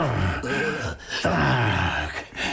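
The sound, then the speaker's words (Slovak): Loud snoring in two long, rasping cycles, each a drawn-out guttural rumble with a breathy rush, probably a voice imitating a sleeping wolf rather than real snoring. “Chrápe, že by z neho mohol pásy rezať.”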